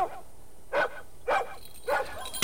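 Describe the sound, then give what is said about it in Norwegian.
A dog barks about five times in a steady, evenly spaced series, each bark short and sharp, with the final one loudest. No one speaks. “Du, nå kjem han, bikkja nå!”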